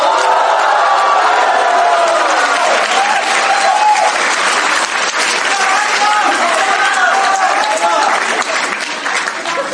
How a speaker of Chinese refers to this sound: 请您欣赏相声大保镖，表演者曹云金、刘云天，掌声有请。